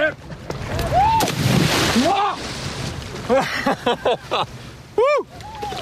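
At a surf festival, a person jumps into water with a surfboard, making one loud splash and slosh, followed by short excited vocal exclamations and cries.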